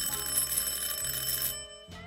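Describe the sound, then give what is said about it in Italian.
A front-door doorbell rings at 10:15 in one long, loud, decisive buzzing peal for about a second and a half, stops briefly, then sounds again in a short burst. No one speaks. “Sono le 10:15 e di colpo suona il campanello della porta. Un suono lungo e deciso.”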